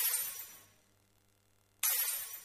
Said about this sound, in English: Let's give you an idea about how that might work using this recreation of the Fairlight CMI. First, let's take a quick sample of the breaking glass.